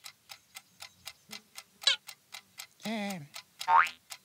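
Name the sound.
alarm clock ticking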